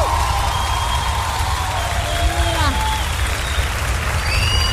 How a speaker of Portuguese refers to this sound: As palmas mais fortes para Jesus.